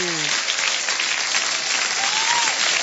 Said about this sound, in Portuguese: Agora os aplausos para os aniversariantes. Vamos glorificar Deus, vamos?